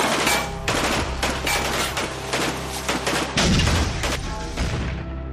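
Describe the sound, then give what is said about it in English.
Loud bursts of rapid gunfire crackle continuously, mixed with heavy booming blasts as a P4 vehicle explodes, with a deep rumble swelling partway through. No one speaks. “I jumped out of the vehicle and I laid on the ground, and that's when the P4 exploded.”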